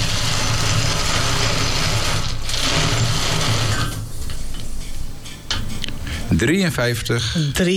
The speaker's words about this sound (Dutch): Oh, dit was de vierde trekker.